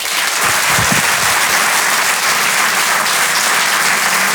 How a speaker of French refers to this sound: Merci de l'applaudir lui aussi très fort.